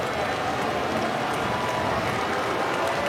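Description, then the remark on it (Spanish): A large crowd of baseball fans applauds steadily in a stadium for John Peck's two strikes, a dense wash of clapping that stays at an even level throughout without pauses or individual voices standing out. “¿Qué están aplaudiendo los fanáticos? Los dos strikes de John Peck.”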